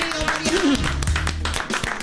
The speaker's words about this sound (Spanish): fuerte el aplauso para Mariano Pelufo.